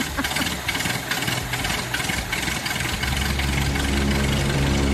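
A modern luxury air conditioner being switched on: a steady whooshing hiss, then about three seconds in a low, even motor hum swells in and holds, a droning, engine-like rumble with no voices.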